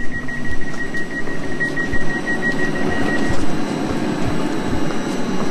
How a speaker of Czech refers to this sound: Dnešní nádraží Praha Bubny by nepoznali, je nové a moderní, stejně jako vlaky. My teď nastoupíme do vlaku, ale nebude to směr Bohušovice nad Ohří. My pojedeme do Lipčic nad Vltavou.